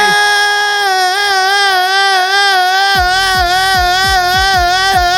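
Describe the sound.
A voice belts out a long, loud, high held note in imitation of a song's big moment, wavering with vibrato for about five seconds, while a quick rhythmic pulsing joins underneath halfway through.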